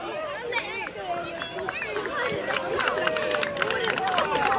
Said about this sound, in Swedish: Lite lätta applåder där. Barnen har gjort det. De har fått upp midsommarstången.